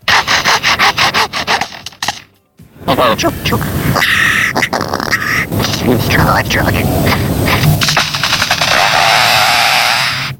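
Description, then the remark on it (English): A bird mimics the mechanical bandsaws that were cutting down its forest, starting with loud, rapid rasping pulses. After a brief pause come continuous whining, grinding tones mixed with sweeping chirps and whistles. “But the most poignant thing was that it also mimicked the sound of mechanical saws, of bandsaws, and the bandsaws that were coming in and cutting down the forest.”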